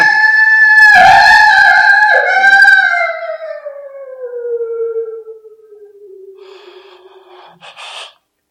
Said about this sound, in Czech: To byl vlk, co? Ve městě vlk, to je blbina.